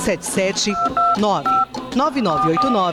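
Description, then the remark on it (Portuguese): A quick run of telephone keypad dialing tones, several short steady beeps in a row, layered under and between a person talking over them. “E para que haja essa mudança, com a força de vontade que você já tem, é só pegar o seu telefone e ligar agora.”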